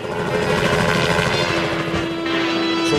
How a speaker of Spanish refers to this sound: Ruido, tanto despelote, un helicóptero aquí en Barrio Norte a esta hora.